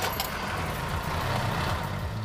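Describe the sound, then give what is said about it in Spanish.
The engine of a Mercedes-Benz W123 car, started with a turn of the key, runs at a steady idle, a continuous low rumbling throb with a faint higher hiss, and no one speaks over it. “Giras la llave y arranca.”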